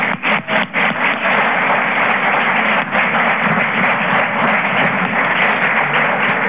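An audience claps steadily for about six seconds, a dense, loud wash of many hands at an even level, with no voices over it.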